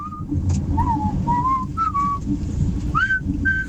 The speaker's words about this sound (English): Lots of whistling. Let's see, is this a good thing or a bad thing? It's good.